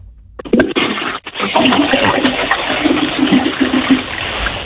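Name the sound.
toilet flushing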